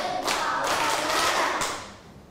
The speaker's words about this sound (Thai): ป.1ปรบมือแบบพี่ประถม2ครั้งปรบมือแบบพี่ประถม4ครั้ง